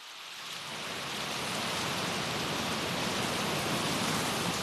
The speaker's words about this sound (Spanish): Hoy llueve, después de meses.